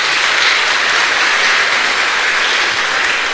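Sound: audience applauding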